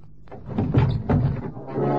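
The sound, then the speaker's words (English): A truck door is wrenched open by a warrant officer with a few dull, heavy thunks and a rattling, scraping pull, moderately loud, followed by a low steady rumble and no voices. “Warrant officer from Deventer, at the risk of his life, wrenched open the door of the truck to reveal Peralta lying across the seats.”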